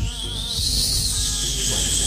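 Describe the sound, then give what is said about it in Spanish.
A person imitates a mosquito whining beside the ear: a steady, thin, high-pitched buzz held for about two seconds, fairly loud, over a faint low rumble. “Mosquito al lado de la oreja.”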